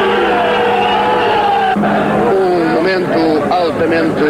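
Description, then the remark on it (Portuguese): Engines of military vehicles rumble and rev loudly and continuously, shifting in pitch as they begin to move from in front of the Quartel do Carmo at 18:39, while the crowd's tremendous booing and shouts rise and waver over the din. “Começam a movimentar-se as viaturas de guerra que aqui estiveram, em frente ao quartel do Carmo.”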